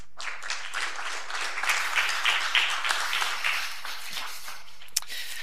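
A room full of people claps steadily for several seconds, a dense patter of hands that swells, then thins out toward the end, with no talking over it.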